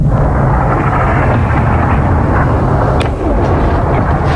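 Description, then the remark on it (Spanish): Explosions from Iranian missile and drone strikes on the United Arab Emirates rumble as a loud, continuous deep roar, with a brief sharper crack near the end and no voices. “Y por otra parte, ayer Irán también atacó por primera vez desde que entrara en vigor esta tregua Emiratos Unidos Árabes, lanzando varios misiles y drones que causaron estas explosiones.”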